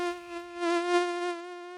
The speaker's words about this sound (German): Oh, Mücken. Mücken empfindet man meistens einfach nur als einen kleinen Plagegeist, ne? Trotzdem sind sie eigentlich sehr interessante Wesen.